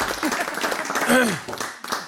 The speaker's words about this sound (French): On l'applaudit, s'il vous plaît.